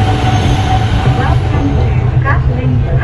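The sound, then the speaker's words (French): A metro train on line 2A in Hanoi, Vietnam, rolls steadily along its rails, with a loud, continuous low rumble and brief whining electric motor tones rising over it. Muffled voices may sit beneath the noise. “À Yen Nghi A, aux portes de la périphérie encore rurale d'Hanoï, la ligne 2A permet de rejoindre le centre.”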